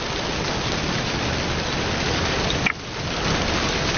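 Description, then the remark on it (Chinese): Steady rain pours down in a dense, continuous hiss, fairly loud, with a brief dip partway through before the downpour resumes; no one speaks. “天真是怪呀，说下雨就下雨。”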